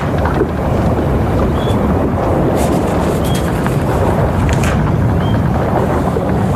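Steady wind roars across the deck of a caravel at sea with the broad wash of the sea beneath it, a constant, full-bodied rush with faint creaks and brief high squeaks from the rigging, no voices.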